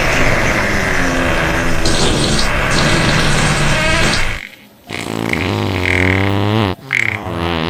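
A loud, drawn-out fart sound effect, low and buzzy with rippling tones, breaking briefly before a second sputtering, wobbling blast follows with a short gap near the end.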